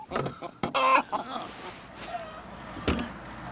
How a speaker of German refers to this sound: sind wieder bei den Hühnern.